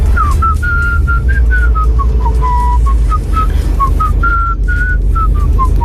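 A person whistles a catchy pop melody, sent as an audio app message, in a steady sequence of short, bright notes that rise and fall, over a low rumbling background hum.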